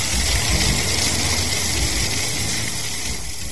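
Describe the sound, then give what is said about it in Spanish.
A steady, loud roar of a huge torrent of water rushing in to fill a cave fills the whole clip, a dense hiss with a low rumble beneath it and no pauses or voices. “Un enorme torrente de agua ha comenzado a llenar la cueva de apestoso.”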